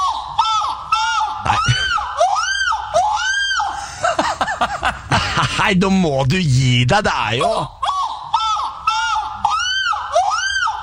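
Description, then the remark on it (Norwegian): A man, Norway's contender for the European Championship in seagull screaming, imitates a seagull's cry with loud, repeated squawks that rise and fall in pitch. Midway, people laugh and talk briefly before the gull calls start up again. “Og han mener jo da, dette sier han på God Morgen Norge, at dette her medfødt, det går sikkert an å lære seg litt, men vi kan jo høre da, på Norges håp i Europamesterskapet i måkeskrig.”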